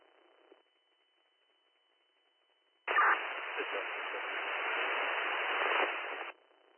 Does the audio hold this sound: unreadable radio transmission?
yes